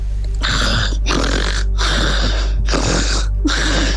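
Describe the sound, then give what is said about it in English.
A person imitates snoring with their voice for about five seconds as a quiz answer, making four or five loud, rasping snore sounds in a steady rhythm with brief pauses between them, with no talking. “Give us 5 seconds of someone snoring.”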